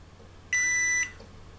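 A single electronic beep from a power bank's charging indicator, signalling that charging has started: one steady, high-pitched tone lasting about half a second, clear against a quiet background, with no talking.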